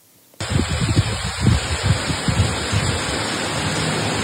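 Heavy rain in Karmiel, northern Israel, suddenly sets in as a dense, steady hiss, with soft low thumps and gusty rumbles through the first few seconds before settling into an even downpour. No voices.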